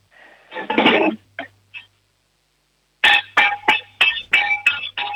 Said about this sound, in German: Oh, das wird schon mal ein Kochtopf gewesen sein. Jetzt brauchen wir noch einen Löffel.